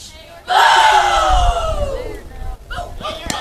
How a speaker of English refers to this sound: Good crowd on hand for this one tonight. Quarterfinal number three.